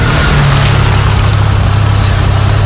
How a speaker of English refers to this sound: We're talking engine idling